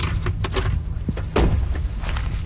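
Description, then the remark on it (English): The front door of a house on a mountain on the east coast of Vancouver Island opens with a couple of clunks and a brief scraping creak as a woman welcomes visitors on a rainy day, set against a steady low rumble. No one speaks. “A woman in her 30s, dressed casually in stretchy black pants and a cardigan, welcomes us at the door.”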